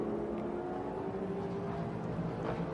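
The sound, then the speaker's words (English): A race car engine drones loudly and steadily for a few seconds as the car puts the power down on track, then moves offline toward puddles. Its pitch holds fairly even with slight rises as it revs. There's no talking, just the continuous mechanical roar. “initially, as you pointed out, he was in those railroad tracks as he put the power down, but then went offline seeking the puddles, maybe trying to manage tire temperature a little bit.”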